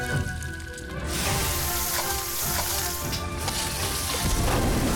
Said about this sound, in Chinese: 湖南人做家常豆腐喜欢油煎，豆腐两面金黄。